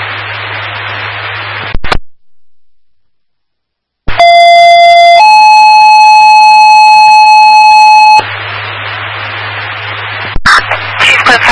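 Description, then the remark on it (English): A two-tone dispatch cancel page alert for a fire alarm that turned out to be a false alarm sounds loud and steady, one pitch for about a second, then a longer higher tone, framed by hissing radio static and a brief silent gap. “Do you need a cancel page? Yeah, we better.”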